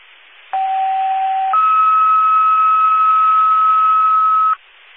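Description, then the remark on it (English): Two-tone dispatch radio alert sounded at 15:07: a short lower steady tone for about a second, then a higher sustained tone holding for three seconds, loud and clear over a faint band-limited radio hiss, no talking. “I don't know if you can disregard the tones. Disregard the tones at 15:07.”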